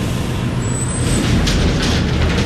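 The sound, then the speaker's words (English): A vibration test rig runs a cycling test simulating a product being transported on a truck, loud and steady, a deep mechanical rumble with hissing bursts of air and a brief high-pitched whine near the start, with no voices. “Trying to simulate it being on a truck, either going across the country or just being delivered to the customer's house.”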